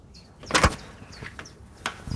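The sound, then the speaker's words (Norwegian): A door of a new school in Skien, Telemark, Norway opens with a solid clunk and a short scraping creak, followed later by a second, lighter knock, with faint high chirps in the background. “Ja, nå går døra opp til denne nye skolen, som blir en helt ny skole til høsten.”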